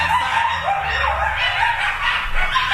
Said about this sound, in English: Coyotes wandering the floors of this abandoned development in West Hollywood. This video shows a coyote with at least three small pups. They roam around. There's a little one. They're kind of straggly.